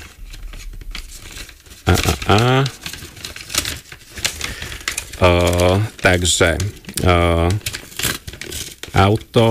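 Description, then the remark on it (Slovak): An envelope numbered 117 is torn and rustled open in a stretch of crackly paper noise, then a person starts speaking and keeps talking in short bursts. “Áno, obálka s číslom 117 otváram, som celý v napätí.”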